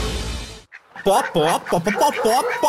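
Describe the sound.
A human voice imitates a hen clucking with a quick string of short, bouncy, loud syllables, following a brief burst of hiss and a moment of near silence, in a Portuguese-language announcement of the Galinha Pintadinha film.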